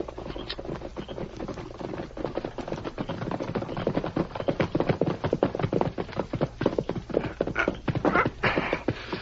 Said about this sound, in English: There's a horse coming, Sheriff.